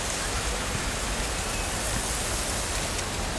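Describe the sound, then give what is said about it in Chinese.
Steady rain pours down in a dense, even hiss that stays constant throughout, with no voices and no breaks in the downpour. “天气也变暗了呢，快要下雨了，连老天爷都在为我哭泣。”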